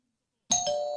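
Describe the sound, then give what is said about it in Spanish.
A doorbell chime rings out after a brief silence: two quick bell-like strikes, the second following right on the first, leaving a bright, sustained ringing tone with no voices. “Si tocan a tu puerta y te preguntan qué radio escuchas, solo responde.”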